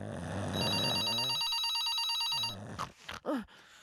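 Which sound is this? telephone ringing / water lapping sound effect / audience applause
telephone ringing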